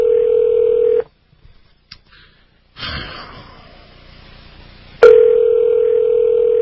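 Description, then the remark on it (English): A steady, loud telephone dial tone hums as a listeners' hotline number is called early in the morning, breaks off into a few faint dialing clicks and a stretch of line hiss, then the tone returns abruptly and holds. No one speaks. “Calling the Art Bell listeners hotline, whatever that is, from the Rocky Mountain News.”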